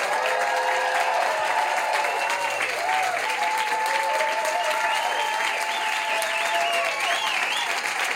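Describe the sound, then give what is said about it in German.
A live audience at an evening live show claps steadily and loudly for several seconds, a dense wash of applause with scattered cheers and whistles rising above it, without a break. “heute Abend unter uns zu weilen, wir eine kleine Live-Stimmung nach Hause zaubern können, in die Badewanne, aufs Klo, ins Wohnzimmer, wo auch immer Sie uns hören, würde ich euch bitten um einen freundlichen, frenetischen Applaus für uns und für euch.”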